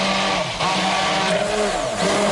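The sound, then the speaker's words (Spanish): A blender whirs loudly and steadily, its motor grinding peeled almonds, soaked and drained bread, a garlic clove and very cold water into a paste with a dense, rough buzz and slight shifts in pitch as the load changes. “Y trituramos, como estamos escuchando, hasta que nos quede una pasta, y con la batidora en marcha vamos a ir añadiendo el aceite poco a poco para que vaya emulsionando, como si hiciésemos más o menos una mayonesa.”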